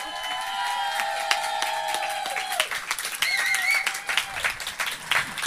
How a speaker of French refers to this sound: Et merci beaucoup. Est-ce qu'on peut applaudir bien vos WM, s'il vous plaît?